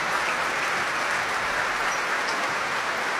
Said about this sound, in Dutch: En daar is het applaus voor Duncan Ward. Hij komt de trap af hier in het concertgebouw in de grote zaal.